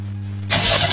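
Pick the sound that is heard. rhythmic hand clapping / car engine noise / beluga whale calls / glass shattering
car engine noise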